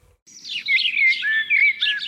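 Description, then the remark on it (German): Birdsong rings out clearly, a continuous run of bright, warbling chirps and trills with no pauses and no voices. “Für viele Menschen gehört Vogelgesang zu den angenehmsten Geräuschen der Natur.”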